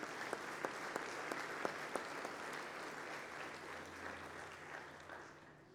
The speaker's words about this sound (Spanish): Un aplauso para ella.